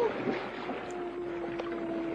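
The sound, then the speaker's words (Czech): A penguin calls with a long, drawn-out tonal cry that holds steady for a couple of seconds, heard from a cave by the sea on a starry night, over a faint, hollow background of wind and water. “Je to albatros nebo tučňák. Ty umějí volat.”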